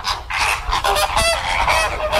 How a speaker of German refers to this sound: So klingen Flamingos. Ja, die leben da ihr bestes Inselleben